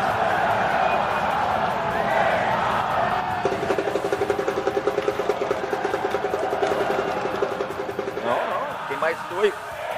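A large crowd roars and cheers continuously as Neymar Junior is announced among coach Carlo Ancelotti's 26 picks for the Brazil squad, with a dense wash of applause and shouting; around the middle a rapid rhythmic clapping or chanting pulse joins in before the noise swells again.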